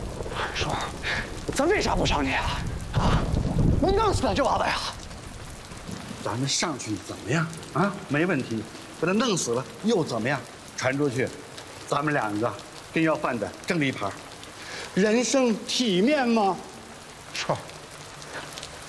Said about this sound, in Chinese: 大叔，这有老人，外面下雨了，我们就上去走走雨。雨停了，我们就走啊！